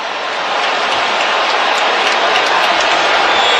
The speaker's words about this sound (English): Chip shot, 27-yarder right hash to take the lead. The crowd is booing. They want the turnover.